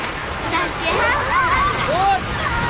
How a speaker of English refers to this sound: That evening, a strong wind comes in off the ocean, then a rainstorm.